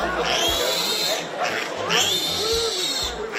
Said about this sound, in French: Bah non, Vivienne, puisque c'est son nom, n'est encore qu'un porcelet, mais figurez-vous, c'est un porcelet qui crie très très fort.